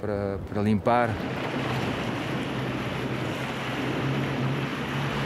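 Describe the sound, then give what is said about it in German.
A brief voice at the start gives way to a steady, loud rush of wind over the open sea, with a constant low hum running underneath throughout. “Es ist der Wind, der das Meer zum Leben erweckt.”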